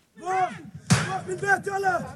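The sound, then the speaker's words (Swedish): Teenage settlers attack the locked gate of a Palestinian family's property in Al-Murayr, central West Bank: a heavy, sharp bang strikes the gate once, loud and sudden, while raised voices shout before and after it, with a smaller knock following shortly. Documented by the BBC. “Så här låter det när tonåriga bosättare ger sig på den låsta grinden till en palestinsk familjs ägor i Al-Murayr, centrala Västbanken.”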